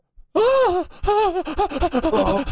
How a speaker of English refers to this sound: She's panting.